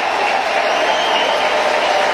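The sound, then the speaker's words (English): A small crowd at a Cubs baseball game applauds and cheers pitcher Braxton Ashcraft in a steady, sustained wash of clapping that stays loud and even throughout, with no individual voices standing out. “He's going to get a nice ovation. And you're going to hear it here. It's a small crowd, but they'll make some noise for this.”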